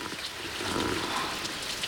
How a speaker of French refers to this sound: Qui joue du tambour dans mon jardin? Il y a quelqu'un? Mais qui fait le musicien? Ah, c'est la gouttière du garage qui fuit. Et c'est toi, la pluie, qui tambourine sur une cuvette en plastique.